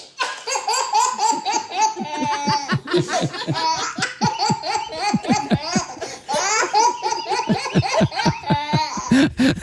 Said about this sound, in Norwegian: På andre plass på topp tre-lista over babylattere. En latter som faktisk er kåret til Norges beste babylatter.